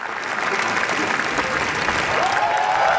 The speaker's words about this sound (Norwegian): Tårene rann, applausen varte og rakk. I hele 10 minutter så klappet publikum I Cannes etter visningen av Renate Reinsve sin nyeste film, Fjord I går kveld.